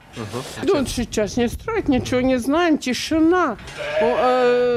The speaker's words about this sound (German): Inzwischen stehen wir am Eingang zum Stall. Alles okay bei den Schafen. Lämmer wurden in dieser Nacht nicht geboren.